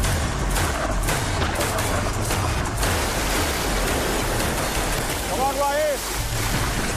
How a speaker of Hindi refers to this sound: इतना पानी का प्रेशर है यार, बहुत प्रेशर है भाई, बहुत।